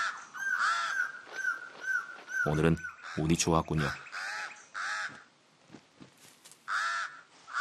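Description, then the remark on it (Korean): A pied crow, which has nested on the highest branch of a tree, caws over and over in harsh, mid-pitched bursts, loud and repeated throughout, while a man speaks briefly in the middle. “흰가슴 까마귀는 가장 높은 가지에 둥지를 틀었습니다.”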